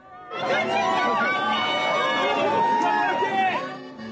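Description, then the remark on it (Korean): A dense crowd of Korean expatriates cheers and shouts excitedly, with camera shutters clicking, many voices overlapping loudly and steadily for several seconds, with excited calls rising out of the din, as South Korea's national football team steps off a bus in front of a hotel in Monterrey, Mexico. “이윽고 대표팀 선수들을 태운 버스가 도착하고 선수단이 내리자 환호와 카메라 셔터음이 쏟아집니다.”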